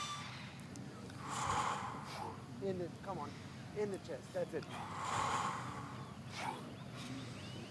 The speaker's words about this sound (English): We start breathing in and out.